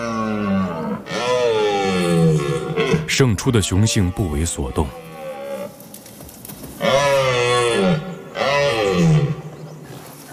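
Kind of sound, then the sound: animal, red deer stag roaring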